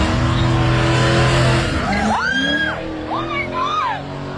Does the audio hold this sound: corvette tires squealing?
yes